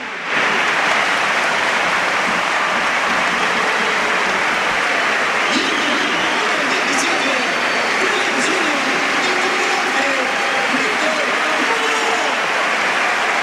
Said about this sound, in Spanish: Bueno, pues el aplauso evidentemente para Lamín.